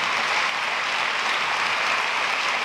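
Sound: church audience applauding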